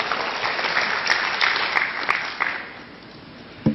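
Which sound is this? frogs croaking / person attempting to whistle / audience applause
audience applause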